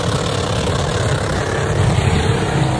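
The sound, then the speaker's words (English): A Holden Commodore ute's engine, driven by an 86-year-old woman about to do burnouts, runs at a steady idle, loud, with a constant low rumble and broad mechanical noise throughout the three seconds and no voices. “There she was in her Holden Commodore U.”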